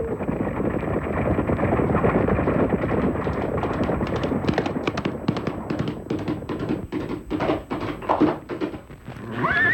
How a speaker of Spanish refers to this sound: En que los indignados Pieles Rojas se disponían a ajusticiar a Arlington, un magnífico caballo se acercó a él y el periodista no desaprovechó la oportunidad de montar en su lomo.